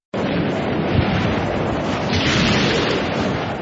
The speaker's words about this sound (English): When the clouds part ways and the storm subsides, you take your first sigh of relief. You're okay.